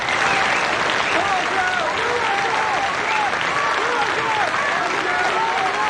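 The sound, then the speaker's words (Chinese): A large audience applauds steadily for about six seconds, a dense, loud patter of many hands clapping, with faint cheers and voices rising within the crowd, welcoming the poet Feng Huacheng to recite Pushkin's poem "If Life Deceives You". “下面请欣赏由著名诗人冯化成为大家朗诵普希金的《假如生活欺骗了你》，掌声欢迎。”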